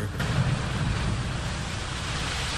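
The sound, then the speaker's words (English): A steady, broad rush of ocean surf washing onto a beach, continuous with a slight windy hiss, no voices present. “Oh, here come some waves now.”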